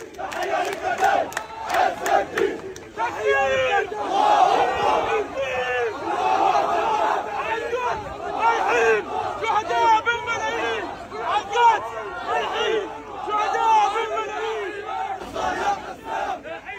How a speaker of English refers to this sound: Journalist Saeed Hezbollah filmed massive crowds of mourners taking part in the funeral procession for Al-Haddad and his family